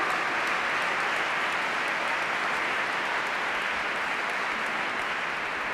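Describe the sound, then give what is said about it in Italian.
Steady, dense welcoming applause from a large audience for the choir from Bratislava, Slovakia, a continuous wash of many hands clapping at an even loudness for several seconds with no voices over it. “Bene, un applauso di benvenuto anche alla corale della Slovacchia da Bratislava.”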